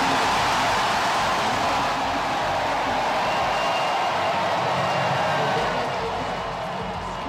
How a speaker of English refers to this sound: Crowd. That is the crowd at the home of the Sacramento Kings. I don't remember what their arena is called. It used to be Arco Arena when I lived there,